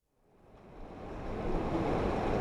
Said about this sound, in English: The waters of the Truckee River flow through Reno on a sweltering summer afternoon. The headwaters that begin in Tahoe flow all the way to Pyramid Lake, home of the Pyramid Lake Paiute tribe.